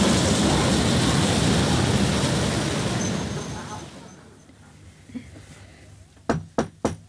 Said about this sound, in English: Oh, that sounds like the train now.